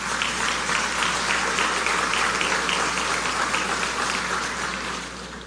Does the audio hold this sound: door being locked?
no